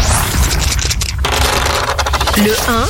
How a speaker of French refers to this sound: Donc écoutez, oui, on y va, on lance les dés pop rock.